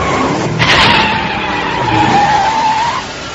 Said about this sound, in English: Hear that? It's his car.